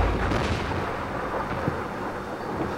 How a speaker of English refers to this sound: And the storm is getting closer.